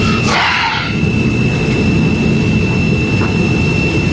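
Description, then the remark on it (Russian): De-icing fluid sprayed onto an aircraft: a short, loud hissing gush near the start, then a steady, heavy low rumble of engines droning on without a break. No one speaks. “Это обрабатывают антиобледенительной жидкостью.”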